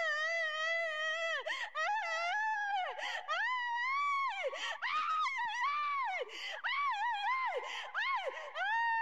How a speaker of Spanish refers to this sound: no se asuste, son liberaciones que están haciendo aquí hoy día viernes 23 de enero de este año 2026, aquí en la Iglesia Pentecostal La Cosecha, aquí en Olmos. ¿Qué te está pasando, Satanás? ¿Qué gritas? Habla en el nombre del Señor Jesús.